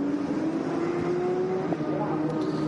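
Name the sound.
race car driving past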